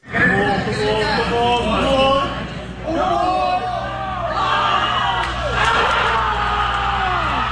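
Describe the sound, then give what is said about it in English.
A packed crowd of New York Knicks fans screams, whoops and cheers nonstop at JFK Airport Terminal 8 as the Knicks come back from 29 points down to beat the San Antonio Spurs in the NBA Finals, many excited voices overlapping and echoing, loud throughout with a steady low rumble underneath. “The screaming.”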